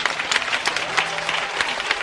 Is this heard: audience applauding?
yes